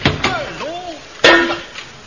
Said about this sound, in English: don't you hit me with a hammer again. It wasn't a hammer, it was a shovel.